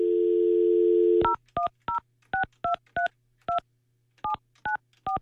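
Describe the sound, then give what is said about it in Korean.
A steady dial tone hums for about a second, then gives way to eleven or so quick touch-tone beeps punched in at an uneven pace, clear with no talking, as a host phones participant number 7078, who does not answer. “아, 전화를 안 받으시네요.”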